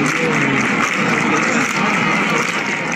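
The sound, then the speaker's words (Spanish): A large crowd claps in a steady, driving flamenco rhythm for bulerías as the Virgen del Rocío visits the Casa Hermandad del Rocío de Jerez in the village, the handclaps dense and loud and blending with a continuous wash of voices throughout. “que es el momento en el que la Virgen del Rocío ha visitado la Casa Hermandad del Rocío de Jerez, allí en la aldea, con palmas por bulerías.”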